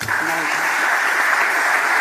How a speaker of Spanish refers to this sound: Absolutamente tremendo el aplauso a la jugadora, a la capitana Mariona Ortiz, merecido.